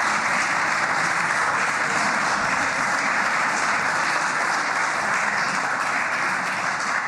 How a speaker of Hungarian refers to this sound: Megvárom, amíg tapsolnak.